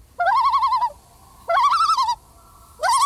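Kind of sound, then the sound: bird, loon call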